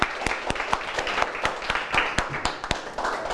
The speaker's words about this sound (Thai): ปรบมือกับทั้งสองกลุ่มเลยนะครับ